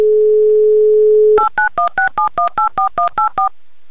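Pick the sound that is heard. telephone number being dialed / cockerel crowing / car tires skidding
telephone number being dialed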